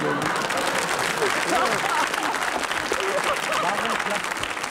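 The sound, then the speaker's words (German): Sustained applause from a studio audience at a talk show, a dense, steady wash of many hands clapping at once, fairly loud throughout with some voices mixed into the crowd noise, the audience siding with the guests. “Es ist immer dasselbe, das Publikum solidarisiert sich sofort mit den Gästen.”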